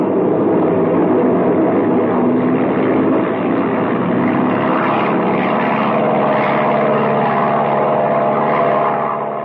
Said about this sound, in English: Well, a hole in the wing cuts down wind resistance, I suppose. Yeah, we're liable to collect more than a hole in the wing if you don't get this baby airborne soon.